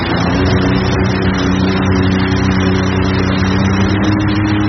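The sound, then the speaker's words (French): A jet ski engine runs steadily and loud while it is accelerated a little, with a constant droning hum and stable harmonic tones for the whole few seconds, plus a broad wash of noise over it. “On peut écouter un petit peu le moteur ronronner, ouais.”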